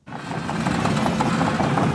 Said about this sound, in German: Die Bagger rollen hier an der Grundschule in Kernen im Remstal nahe Stuttgart. Ein Sound, der nicht nur Lokalpolitiker anlockt.